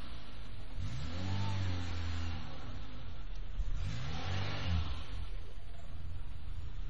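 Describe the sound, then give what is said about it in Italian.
A car carrying four people revs up in two rising surges as it slowly mounts the sidewalk curb, the first around one to two seconds and the second near four seconds, over a steady low rumble, with no one talking. “Stiamo salendo sul marciapiede.”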